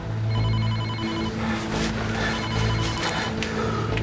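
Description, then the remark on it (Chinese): A telephone rings with a steady electronic tone, repeating in pulses over a dense low hum of background noise, fairly loud throughout. “你接电话，问他小虎。”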